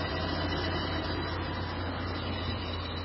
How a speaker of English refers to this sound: So hearing that noise every time I'm shifting up and down, making the engine speed up, I hear that sound.